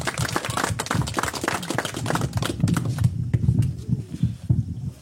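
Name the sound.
audience applause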